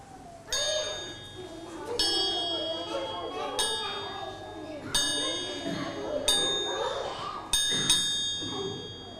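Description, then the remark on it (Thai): A bright metallic signal chime, used by a teacher to cue children in a movement game, is struck several times at roughly even intervals, each ring lingering briefly, clear over a low murmur of voices and room noise. “แล้วถ้าสัญญาณรัวๆล่ะ เร ็ ว เร็วและเมื่อได้ยินเสียงสัญญาณดังสองครั้งดังติดกันหยุดเคลื่อนไหวในท่านั้นทันทีค่ะ”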